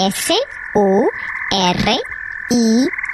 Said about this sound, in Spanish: Eres un sapo, ¿verdad? Lo soy. ¿Qué tipo de sapo eres? Soy el sapo de Surinam.